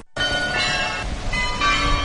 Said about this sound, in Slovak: To, čo počujeme, je zvonkohra, ktorá už patrí ku koloritu Košic. Už asi 10 rokov každú hodinu počujeme nejakú inú melódiu. Vyberá si jednu zo 100 melódií a obveseluje vlastne hlavnú ulicu.